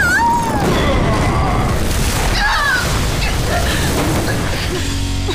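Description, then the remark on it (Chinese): A pelican water cannon fires in a loud, sustained roaring blast, a dense rushing burst with booming low rumble and thin whistling squeals sliding over it, lasting several seconds without letting up. “让我们以牙还牙，鹈鹕水炮发射。”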